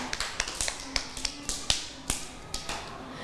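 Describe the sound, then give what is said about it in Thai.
A short burst of hand clapping for a child in a class, quick sharp claps at an uneven pace, not loud, with no talking. “ปรบมือให้กับ”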